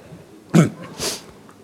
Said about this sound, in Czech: Smrkneme